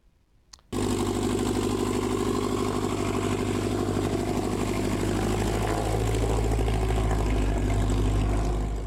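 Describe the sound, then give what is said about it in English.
An aircraft engine starts up abruptly after a brief quiet moment and keeps running with a steady, throbbing propeller drone and mechanical hum that grows slightly fuller over time, at an annual fly-in breakfast held by Experimental Aircraft Association Chapter 569 at Norfolk Regional Airport in Northeast Nebraska. “Their rotors and motors were humming in Northeast Nebraska yesterday for the annual fly-in breakfast.”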